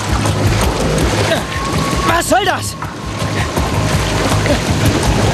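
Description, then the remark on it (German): Loud, steady churning and splashing of water around someone who fell from a boat dock into the water, rushing and bubbling almost to a boil without pause, while a voice briefly calls out partway through. “Er fiel vom Bootssteg ins Wasser. Ricky war das aber noch nicht genug. Sie brachte das Wasser um ihn herum fast zum Kochen.”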